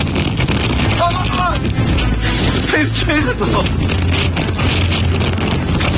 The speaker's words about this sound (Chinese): 小两口就感受到了新疆大风的威力。